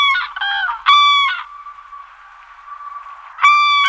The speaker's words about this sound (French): Quand je parle de grue, évidemment, c'est l'oiseau, hein, pas l'engin de chantier.